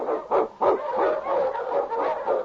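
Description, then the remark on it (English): King, a husky sled dog and Eskimo lead dog in The Challenge of the Yukon, barks in a quick series of sharp, loud yips and bow-wows, the barks running together into a continuous excited chorus with no talking. “The Wonder Dog King, swiftest and strongest of Eskimo lead dogs, blazed the trail through storm and snow for Sergeant Preston as he meets the Challenge of the Yukon.”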